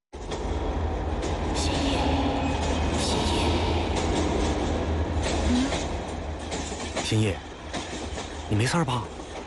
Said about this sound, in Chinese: 出了隧道呀，那就亮堂了。 火车已经进隧道了。 前面啊，就是潼关了。